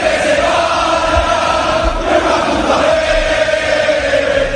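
A large stadium crowd of Valencia fans roars and shouts in protest against the club's management, a dense, steady wall of many voices that stays loud throughout with no single voice standing out.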